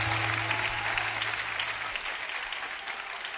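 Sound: audience clapping hands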